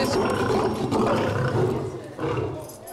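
A lion roars loudly at a zoo, a deep, rumbling, sustained bellow that breaks off briefly near the end before surging again.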